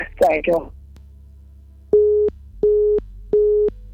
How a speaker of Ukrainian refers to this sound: На жаль, обірвався телефонний дзвінок.